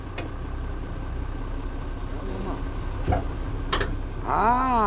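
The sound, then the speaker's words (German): A tractor engine idles with a steady rumble throughout, broken by a couple of sharp clicks, and a voice briefly joins near the end. A learner driver is at the wheel during a Class T tractor licence lesson, driving on the road for the first time. “Okay, dann folge mir unauffällig mit deinem Trecker.”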